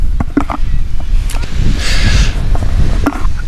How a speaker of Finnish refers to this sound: Nyt aika tuulinen keli ja ehkä sen takia vähemmän ihmisiä rannalla, mutta tää saattaa olla vähän semmoinen petollinenkin keli, että aurinko paistaa silti pilvettömältä taivaalta.